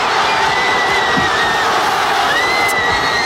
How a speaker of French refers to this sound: je vous propose pour commencer d'écouter l'explosion de joie des Espagnols